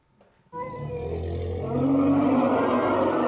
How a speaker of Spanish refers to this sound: Las hembras de la manada emitían sonidos estridentes cuando Cintia, la parturienta elefanta, expulsó con un golpe seco a su cría con este grito desgarrador